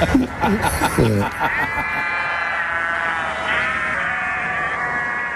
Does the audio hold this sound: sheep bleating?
yes